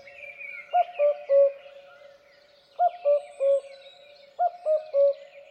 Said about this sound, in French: généralement le coucou, on a l'habitude de l'entendre qui fait coucou, coucou, avec deux notes